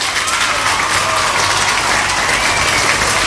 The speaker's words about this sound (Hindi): आपके लिए बजेंगे यहाँ पे तालियां।